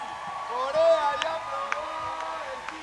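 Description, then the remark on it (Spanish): A crowd cheers and whoops in a steady roar, with a few sharp claps and a whistle cutting through, as an audience at the Festival Internacional del Bolero y Jazz 2026 gives an ovation for a Korean performer. “Ahorita va a haber ovación para coreano. Ovación para coreano.”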